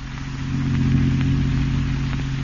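car engine driving

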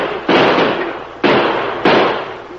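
gunshots fired

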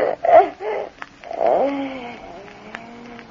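cat

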